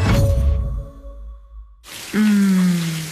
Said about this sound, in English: Shower time.